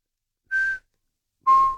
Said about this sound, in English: And that call is just quite unusual. Have you been anywhere in the country, just being nosy, have you been anywhere in the country where you've heard a kōkako calling? It's like a bell.